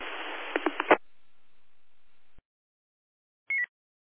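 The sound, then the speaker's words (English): Two radio transmissions collide on the same frequency, giving a loud, harsh burst of garbled static with a few sharp pops, then faint hiss, silence, and a short chirping tone near the end. “All right, we had a bit of a double there.”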